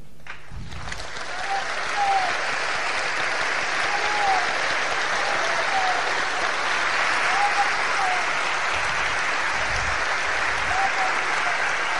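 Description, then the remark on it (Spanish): An audience breaks into sustained, dense applause that starts abruptly and keeps going steadily for about eleven seconds, loud, with continuous clapping. “Les decía, imaginemos que esto es una asamblea y ustedes que tuvieran que levantar la mano y votar o aplaudir, ¿qué haríamos?”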